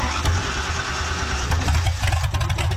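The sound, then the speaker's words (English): A car engine idles at a horsepower festival, the sister festival to Canberra's Summernats, with car and motorbike events over 4 days: a loud, steady low rumble with a slight throaty pulse and no break. No one speaks. “The adrenaline-fuelled sister festival to Canberra's Summer Nats celebrates all things horsepower with dozens of car and motorbike events across 4 days.”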